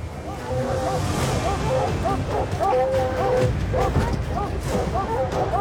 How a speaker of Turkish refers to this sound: O ağacın tepesindeki hayvana havlayan köpeklerin sesi beni çok heyecanlandırıyor. Köpekler resmen çıldırmış durumda. Gördüklerini kesinlikle beğendiler.